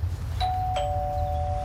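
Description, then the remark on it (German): A house doorbell chimes twice in quick succession, two clear tones ringing out and sustaining over a low background rumble, moderately loud. “Ich klingel mal bei Nico.”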